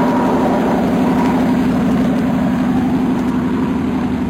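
A steady, loud airplane engine drone during takeoff fills the whole recording, a deep constant hum with a rough roar on top, heard as if from inside the passenger cabin, with no voices.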